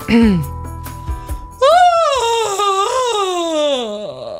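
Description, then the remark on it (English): A voice imitates a loud, drawn-out yawn like one a lady made in an airport: a strained, breathy vocal tone that starts high and slides slowly downward for over two seconds before trailing off, after a few brief vocal sounds. “That's a yawn. A loud yawn.”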